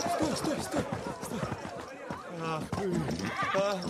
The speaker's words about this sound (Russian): Кони прибегают к Ивану.